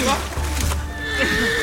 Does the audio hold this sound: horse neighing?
yes